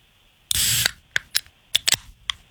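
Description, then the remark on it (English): Soda fizzing: a short burst of bright hiss, then a handful of sharp, irregular crackling pops as the bubbles settle. No one speaks. “That is soda.”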